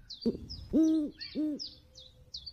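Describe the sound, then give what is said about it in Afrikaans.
An owl hoots: a brief low note, then two full, resonant hoots in quick succession, with faint high chirps of small birds or insects twittering steadily in the background. “Nie is die uil wat in die tuin van die paleis bly nie.”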